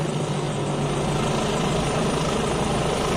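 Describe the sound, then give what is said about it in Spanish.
Several helicopters fly back and forth continuously since dawn over a village of 140 inhabitants in a valley: a steady rotor thrum and engine drone, loud and continuous, with a low pulsing beat and no voices. “Un ir y venir de helicópteros desde que ha amanecido, lo relataba una de las vecinas.”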